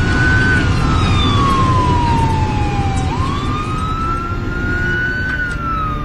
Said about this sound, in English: Uh-oh, here comes a fire truck behind us.